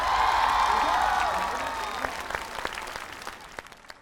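Audience applause for a teacher, a dense wash of clapping with some cheering at the start, gradually thinning into scattered individual claps as it fades over about four seconds.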